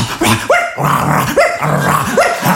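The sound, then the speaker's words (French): A man imitates a barking dog, letting out three loud yelping barks with growly tones in between, in a steady rhythm and with no talking. “Vous m'avez dit de faire le chien, putain, fais le chien”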